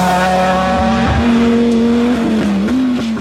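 A WRC rally car engine, linked to the WRC Rally Mundial Chile 2026, revs loudly, its pitch climbing and dipping over a few seconds, with tires skidding and scrabbling underneath. No voices.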